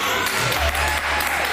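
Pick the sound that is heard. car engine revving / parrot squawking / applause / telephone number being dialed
applause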